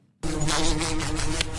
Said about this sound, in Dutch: Dit is het geluid dat we kennen van de wesp die zo tegen het raam of tegen een lamp botst.